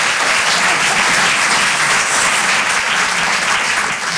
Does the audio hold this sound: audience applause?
yes